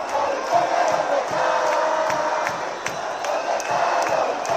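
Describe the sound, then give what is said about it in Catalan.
A large crowd at a demonstration of about 25,000 participants marching through the streets of the autonomous city chants a slogan asking where the reports are, a dense, steady roar of many voices with shouts rising and falling in rhythm and no pauses. “Però també n'hi va haver de més originals, com aquesta altra que demanava on eren els informes.”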